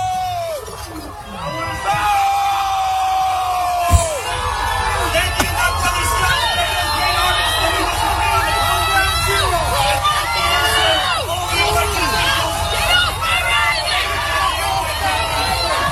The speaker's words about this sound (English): The silver lining of this is that Zoran Mamdani has not fooled everybody, and he got booed off stage at an NYPD event.